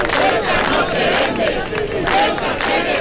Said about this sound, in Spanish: Escuchaban los gritos de la de Logroño, que fue multitudinaria en el ayuntamiento. Los servicios municipales cifran en 19.000 los asistentes y la Policía Nacional lo hace en unos 12.000.